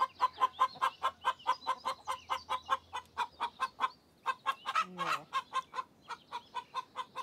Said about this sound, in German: Das ist schon sowas, wo du dich sehr nach innen ausrichten musst, körperlich, um so ein Ei zu legen, auf jeden Fall. Also Schwerstarbeit, bei der sich die Hühner nur ungerne stören lassen.